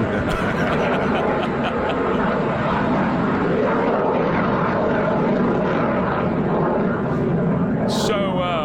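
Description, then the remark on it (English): A small private single-engine propeller plane, a Cessna, drones steadily overhead at Camp David, a loud, continuous engine hum filling the whole stretch, with a brief higher-pitched chirp near the end. “So you hear the private plane, single prop, probably looks like a 172, flying overhead.”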